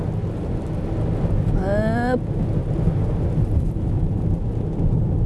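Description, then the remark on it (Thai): Steady, dense hiss of rain mixed with snow falling in fog in winter, with a heavy low rumble underneath throughout; a brief rising voiced tone cuts through near the start. “ฝนผสมหิมะผสมหมอกทีอินวันสะใจไปเลยครบสูตรฤดูหนาว”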